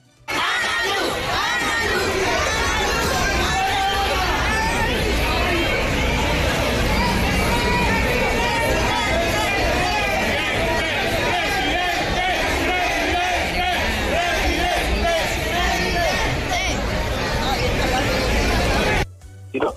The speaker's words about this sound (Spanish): Al llegar, Abelardo no dio ninguna declaración oficial, pero este fue el recibimiento que tuvo de parte de cientos de simpatizantes que incluso rodeaban al esquema de seguridad bastante amplio y al candidato.